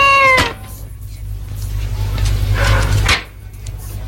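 A single short, bright meow from a cat right at the start, followed by a muffled noisy burst over a steady low hum in the background.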